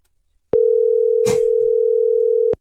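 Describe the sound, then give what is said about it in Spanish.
A steady, loud telephone dial tone hums continuously for about two seconds, briefly crossed by a short burst of noise, then cuts off abruptly, as a call is placed to a chauffeur. “tenemos el teléfono de este compita que es chofer.”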